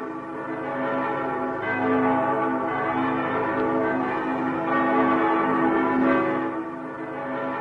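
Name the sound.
church bells ringing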